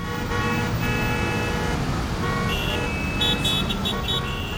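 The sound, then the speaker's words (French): A car engine roars steadily amid loud, continuous street traffic, with brief tonal horn toots cutting through near the end. “Je te l'avais dit, je le reconnais, c'est son moteur qui rugit.”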